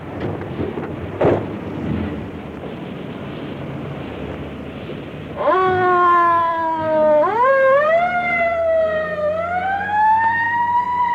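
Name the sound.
police patrol car siren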